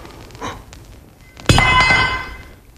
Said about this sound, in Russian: Господи, какой я неловкий. Упала кочерга.